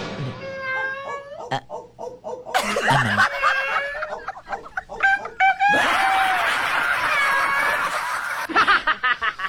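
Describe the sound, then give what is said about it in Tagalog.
Loud, rapid gobbling and chattering calls from several turkeys, overlapping in bursts with a dense, raucous texture throughout. “Mga pabo ang ningagi dito.”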